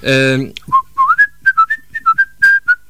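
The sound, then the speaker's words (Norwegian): Someone whistles a short melody, a single clear line of quick notes stepping up and down, after a brief sung or hummed tone at the start, while attempting to whistle a tune in two voices at once. “Det jeg skrev, det var at jeg kan plystre på sine høner tostem.”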